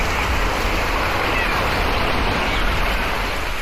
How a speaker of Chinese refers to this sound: 来到陈州村的第一印象就是环境优美，宽阔的村路两旁绿树成荫，海浪轻拍着海岸，一只只白鹭和海鸟不时飞过，让人感受到浓郁的海洋风情。